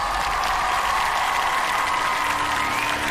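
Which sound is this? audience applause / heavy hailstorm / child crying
audience applause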